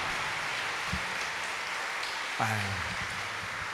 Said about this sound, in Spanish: Fuerte el aplauso a nuestra Madre Santísima.